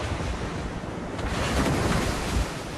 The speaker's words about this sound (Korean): 세이렌의 섬을 지나자 그보다 훨씬 더 가혹한 시련이 다가왔습니다. 거대한 파도가 깎아지는 절벽에 부딪히며 엄청난 굉음이 들려왔습니다.